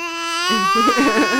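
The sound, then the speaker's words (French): A person imitates a baby lamb's bleat: one drawn-out, nasal cry that starts steady and then breaks into a wavering, quavering tremble. It is fairly loud, with no other sounds. “Comment ils font les bébés moutons?”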